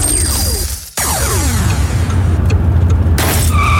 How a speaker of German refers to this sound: Ein Steinschlag. Am besten schnell reparieren lassen. Woher wissen Sie jetzt eigentlich sofort, wo Sie Ihre Windschutzscheibe retten lassen können?